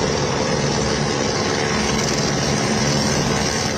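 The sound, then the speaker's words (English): A loud, steady helicopter roars, its engine and rotor noise filling the whole clip as a dense, continuous rumble with no voices, as rescuers arrive by helicopter at a hydropower station on the Tibet-Nepal border after a flash flood. “Rescuers arrive by helicopter at a hydropower station.”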